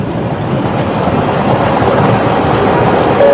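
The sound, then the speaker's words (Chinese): A train on the new Chengdu–Kunming railway in China rumbles steadily along the rails, a loud, continuous roar of wheels and carriages with no pauses and no voices. “乘着新城昆铁路，我和外公来到了留下他青春奋斗记忆的沙姆拉达隧道前，将这一喜讯告诉给了外公曾经的工友们。”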